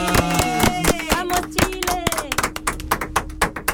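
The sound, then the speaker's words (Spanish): Loud applause of steady, rhythmic hand claps that grows denser and sharper toward the end, with voices or tonal sounds mixed in over the first half. “Ya, y bueno, nos fuimos con un aplauso fuerte.”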